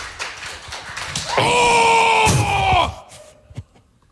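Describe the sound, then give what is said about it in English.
A single hard, sharp slap on the buttocks, delivered with a big swing, cracks out during a sustained, high-pitched vocal cry, with a noisy crowd murmuring before and a smaller thump afterward. “Big swing. Right on the tush.”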